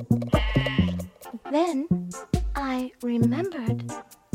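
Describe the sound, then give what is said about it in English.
A human voice bleats like a sheep, a few wavering "baa" sounds in quick succession, loud, with the quavering pitch of a real sheep. “And I replied baa, baa.”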